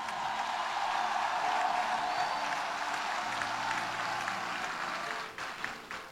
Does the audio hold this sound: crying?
no